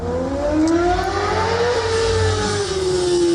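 A poser's car engine revs loudly in Bremen's Überseestadt, its pitch climbing and sliding as it speeds up, a continuous roar with a deep rumble underneath, no voices present.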